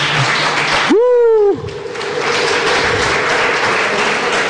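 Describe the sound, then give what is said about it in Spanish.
A church audience claps loudly for the Lord in a steady, dense roar of applause, with a brief high-pitched vocal cry or whoop rising above it early on before the clapping carries on. “Cuando le dan un aplauso fuerte al Señor.”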